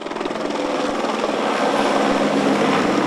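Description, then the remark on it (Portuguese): The São Paulo Polícia Civil's Pelicano helicopter flies over a cemetery as a sign of respect, its steady rotor thrum loud, growing slightly stronger across the few seconds with no one speaking. “O helicóptero Pelicano da Polícia Civil sobrevoou o cemitério em sinal de respeito.”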